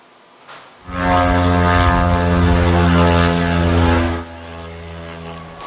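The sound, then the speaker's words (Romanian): A loud, droning propeller-engine buzz of kamikaze drones, launched by Ukraine in a massive attack on Russia, flying overhead kicks in abruptly, holds steady for about three seconds, then drops to a fainter lingering hum. No voices. “Ucraina a lansat un nou atac masiv cu drone împotriva Rusiei.”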